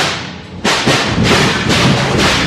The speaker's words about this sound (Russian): Сбиты и выворочены тюремные запоры.